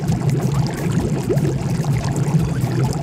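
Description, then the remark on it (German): Steady churning water in a heated pool that can be heated up to 40 degrees bubbles and gurgles continuously, a dense, fairly loud wash of splashing with small pops scattered throughout and no voices. “Man kann es sogar bis auf 40 Grad hochheizen. Es sprudelt und blubbert”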